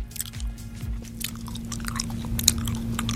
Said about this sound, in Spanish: Alguien que vaya tronando el chicle.